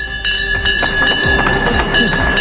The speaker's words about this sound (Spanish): Así ha sonado esta mañana la Bolsa de Madrid. Es la campana que indica la entrada de una nueva empresa en el mercado y no se escuchaba desde hacía más de un año. Pero hoy, a mediodía, ha debutado en la bolsa TSK.